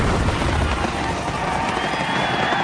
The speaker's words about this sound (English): Celebrate the 4th of July with a fireworks display from Messes Fireworks. That'll make your party the best one yet.